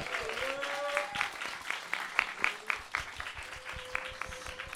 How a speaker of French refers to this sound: Voilà, je pense qu'on peut les applaudir dès à présent.